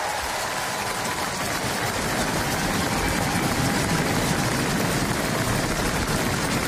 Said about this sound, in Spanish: Los aplausos, la ovación al nuevo rey de Noruega, que acaba de salir al balcón del Palacio Real para saludar a los allí presentes, a las personas que se han congregado en la plaza con las banderas del país izadas.